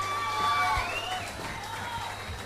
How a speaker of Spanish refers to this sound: ¡Fuerte los aplausos! ¡Más fuerte los aplausos!